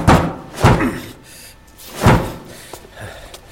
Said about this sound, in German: Der Riegel, den er blockiert hatte, war ins Schloss gedrückt worden.